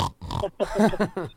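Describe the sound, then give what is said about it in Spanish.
A voice imitates a pig, giving a few loud grunting oinks and snorts in quick bursts with short gaps between them. “y también tengo a mi puerco terco.”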